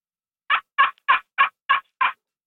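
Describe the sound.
Six short, raspy turkey-like calls in a steady, evenly spaced series, made on a slate friction call, a small slate disc in a wooden resonance box about 7-8 cm across, played with a small stick, rather than by a real bird. They sound clear and fairly loud, with no talking.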